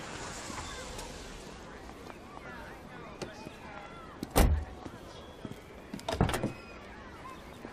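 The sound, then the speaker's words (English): A door clunks open and then thuds shut a couple of seconds later, two solid knocks, over a low hum of background murmuring voices. “Let me give you a door.”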